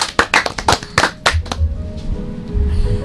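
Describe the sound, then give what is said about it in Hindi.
A short burst of audience clapping after a story is told: about eight sharp, loud claps over a second and a half, then fading out into a low hum with a few scattered taps. “तो देखा कितनी अच्छी कहानी थी, तो तालियां नहीं बजाई आप लोगों ने।”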